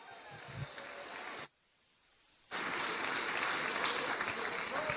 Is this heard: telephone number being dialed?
no